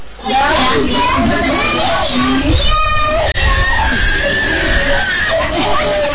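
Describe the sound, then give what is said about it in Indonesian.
A baby cries loudly in high, wavering wails at the Posyandu Merak community health post in Selumit Pantai, Tarakan, with other children's voices and a busy murmur of chatter going on throughout. “Suara tangisan bayi terdengar nyaring dari Posyandu Merak, Kelurahan Selumit Pantai, Kota Tarakan.”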